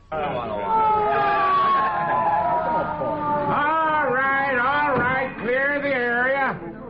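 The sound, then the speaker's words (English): A loud ambulance siren wails in a long falling tone, then switches to a rapid, repeating up-and-down yelp that keeps cycling until it cuts off. “They always sniff it out, chase the ambulance if it's anyone in the news.”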